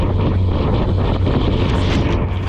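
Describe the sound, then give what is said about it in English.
A loud, steady roar of high-pressure water cannon spray from a Chinese ship pounding a Philippine boat within 10 meters in the South China Sea, a dense rushing wash with a low engine hum beneath it and no voices. “The Chinese ship has moved within 10 meters of the Philippine boat and is now actually hitting the ship with its water cannon.”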